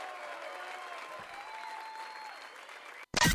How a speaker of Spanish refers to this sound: Fuerte aplauso